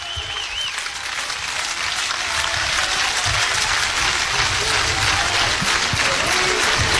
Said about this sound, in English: Crowd trying to encourage the senior southpaw for out number two.